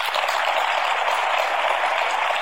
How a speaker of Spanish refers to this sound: Y hoy día yo quiero agradecer que hoy día están los papás de Hernán acá. Quiero que les demos un fuerte aplauso a ellos.